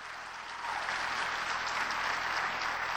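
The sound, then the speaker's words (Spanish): An audience breaks into sustained applause, a dense wash of many hands clapping that swells after a moment and holds steady and loud with no voices over it. “Dele fuerte el aplauso con gozo.”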